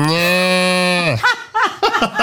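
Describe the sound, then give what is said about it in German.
A person imitates a cow with one long, steady, loud moo lasting about a second, followed by a short burst of chuckling laughter. “Dass du moonen kannst wie eine Kuh und mähen wie ein Schaf.”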